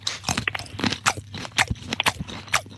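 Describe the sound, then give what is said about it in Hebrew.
Crunchy chewing of food, the first bite in a food-guessing game, a quick series of sharp, crackling bites and munches repeating steadily for a few seconds, with no talking. “שימי לב, לעיסה ראשונה.”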